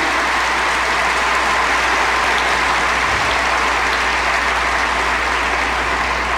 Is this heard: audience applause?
yes